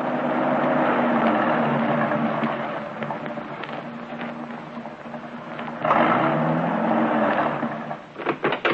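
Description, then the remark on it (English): A car engine drones steadily as the vehicle drives uphill at dusk, climbing into the Hollywood Hills, its hum swelling briefly partway through, then a few sharp mechanical bumps at the end. No voices. “It's getting dark now, and the car was climbing.”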